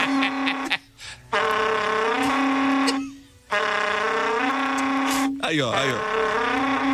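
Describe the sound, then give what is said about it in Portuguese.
A berrante cattle horn, blown by a berrante tuner, gives several long, loud, buzzy blasts at a steady low pitch with short breaks between, ending in a wavering, bending tone. “Esse berrante que ele tocou agora.”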